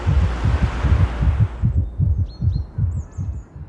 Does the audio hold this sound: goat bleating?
no